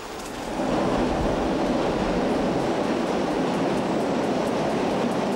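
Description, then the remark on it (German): A train crosses the Pont du Vecchio, a bridge built by Gustave Eiffel on pillars almost 100 metres high over a 140-metre-wide gorge, a dense, continuous rumble that swells up in the first half-second and then holds loud and even, with faint rhythmic rattling and no voices. “Wie auf Stelzen überquert der Zug auf fast 100 Meter hohen Pfeilern die 140 Meter breite Schlucht.”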